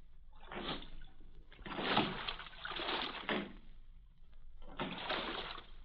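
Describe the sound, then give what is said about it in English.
A small rowing boat is rowed out of a harbor, oars pulling in steady, rhythmic strokes with watery swishes and splashes roughly every second or so, fairly loud, with no voices. “I sat in the stern sheets with a guard on each side of me in the little boat.”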